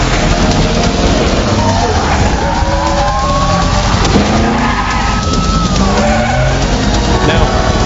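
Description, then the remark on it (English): A loud, busy car chase from a late-1990s movie: engines roar while tires skid and squeal in long sliding tones, with sweeping pitch glides and constant dense noise throughout. “And I also love car chases in the 90s because they have to put the effects in after.”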